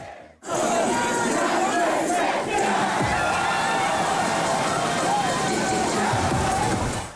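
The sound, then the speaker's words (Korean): A dense crowd of people escaping the heat at the outdoor Han River swimming pool in downtown Seoul on a hot weekend night: loud, continuous babble of many voices with shouts and excited cries, occasional splashing of water mixed in, steady throughout after a brief quiet start. “주말의 마지막 밤, 서울 도심의 한강 수영장은 더위를 피해 나온 시민들로 발 디딜 틈이 없습니다.”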